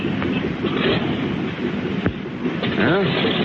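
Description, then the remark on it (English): A seaplane's second motor starts up and roars in a steady, loud, rumbling drone, with a sharp knock partway through and a brief rising whine near the end. “There goes the second motor.”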